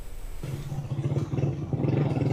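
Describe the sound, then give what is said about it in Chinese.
A motorcycle engine hums steadily, its low drone pulsing slightly as it carries a China Media Group reporter along a road toward earthquake-hit La Guaira state, Venezuela, on the 27th, with rumbling road noise and no voices. “27号，总台记者乘坐摩托车向着拉瓜伊拉州行进，一路上能够看到有大量建筑物因地震受损，还能看到一些军车、救援车辆也在前往重灾区。”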